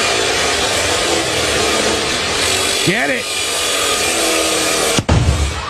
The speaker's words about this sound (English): And they'd cut through the gun live on in front of everybody who was gathered there. One minor problem. Sawing through the gun.